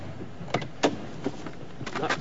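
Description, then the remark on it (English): A car door being opened and shut as a man gets out of the car, a few short mechanical clunks and clicks spaced out over a couple of seconds, moderately loud, with no voices. “He gets out of the car.”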